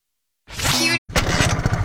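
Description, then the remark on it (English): A motorcycle engine roars loudly, cuts out for a split second, then sputters back with a rough, uneven chugging as if about to stall. No voices are heard. “I think the engine's stalling out on me. Yeah, that don't sound right.”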